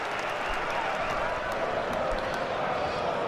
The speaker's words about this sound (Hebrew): גרגוריץ' יוצא, קלייצ'יץ' נכנס במקומו, סשה קלייצ'יץ' שמקבל את מחיאות הכפיים מהקהל הביתי שלו, ונשימו את השאגה הגדולה מהיציעים.